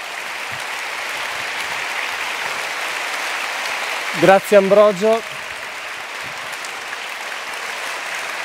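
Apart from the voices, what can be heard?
audience applause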